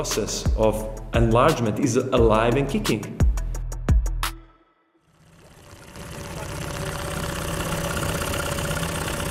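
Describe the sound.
A voice speaks for a few seconds, then a boat engine on Lake Skadar in Montenegro idles with a steady, low rumbling chug that stays even until the end.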